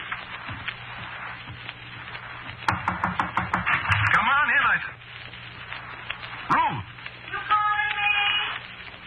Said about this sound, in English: Knock at this door? Are you crazy? Well, I thought I heard somebody.